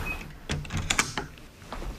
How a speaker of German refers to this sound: Und da ist die Tür wieder zu. So funktioniert die sogenannte Telemedizinkabine, in diesem Fall in einer Apotheke in Heringen im Landkreis Hersfeld-Rotenburg.